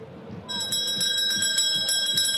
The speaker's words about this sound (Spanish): Por favor, quiero despertarme. Sacristán, tócame la campana.